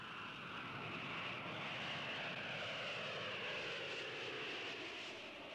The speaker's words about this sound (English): Air Jamaica announces the arrival of its DC-9 Super Lovebird service from New York.